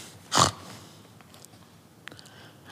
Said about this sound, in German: Draußen im Koben, da grunzten die Schweine.